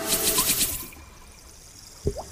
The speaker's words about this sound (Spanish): Agua.